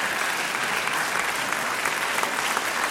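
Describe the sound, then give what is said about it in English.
Steady, dense applause from an audience, many hands clapping at once in a continuous crackling wash with no voices standing out. “I do like being given the clap at this time of the afternoon.”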